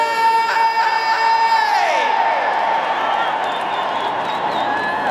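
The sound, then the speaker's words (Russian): A large concert audience cheers and applauds a band on stage in a loud, steady roar for the whole clip, with shouts mixed in. Sustained musical tones ring over it at first, then slide down and fade after two seconds. “Аплодисменты соответствующие.”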